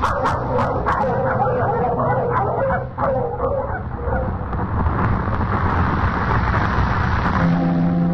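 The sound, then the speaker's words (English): A pack of sled dogs barks and yips excitedly in a dense, overlapping chorus, loud, with whimpers mixed in over a steady low rumble that continues as the barking thins out. “Come on, we'll get the dogs on.”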